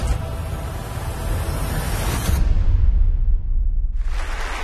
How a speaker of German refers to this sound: So viel Applaus wie lange nicht.